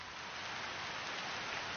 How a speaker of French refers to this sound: Janvier 1955, Connecticut. Je regarde la pluie qui tombe sur le jardin. Que c'est doux.